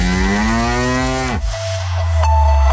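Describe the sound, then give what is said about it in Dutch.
A single long cow moo, loud, rising slightly in pitch before breaking off abruptly, followed by a low rumbling tail with no talking. “Een koe.”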